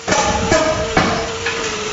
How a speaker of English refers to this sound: The sound of hammers is replacing the silence left behind last year's devastating wildfire in Daenerys Beach.